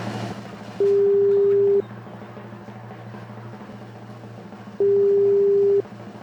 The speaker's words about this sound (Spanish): Y vamos a llamar a este auditor que nos mandó muchos stickers. Vamos a ver. ¿Quién es? Estamos llamando en este momento. A ver si nos contesta nuestro amigo, ya que el WhatsApp está colapsado.